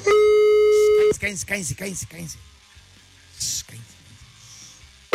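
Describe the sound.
A telephone ring tone of a call placed during a live radio broadcast sounds steadily for about a second, then gives way to voices talking, and the ringing returns briefly at the very end.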